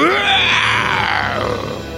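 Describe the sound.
A loud, drawn-out, slightly hoarse roar of a lion caught in a net, lasting about two seconds, gravelly and strained, which sounds like a human voice imitating a lion rather than a real animal.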